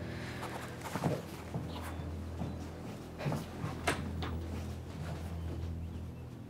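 A door is shut as someone leaves, after a few soft footsteps and handling clunks, with a couple of brief thuds standing out over a steady low hum.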